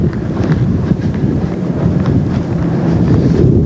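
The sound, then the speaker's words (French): Strong wind roars and buffets steadily across the seafront promenade of Dunkirk, France, in front of a large hotel and closed bistros, a dense low rumble with gusty surges that stays loud throughout, with no voices. “Là, il y a un vent mauvais qui fouette en face du grand hôtel et des bistrots fermés de la digue de Dunkerque.”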